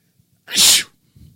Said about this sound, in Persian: اون چیا اگه من عطسه کنم همه باید بگن عافیت باشه، عافیت باشه.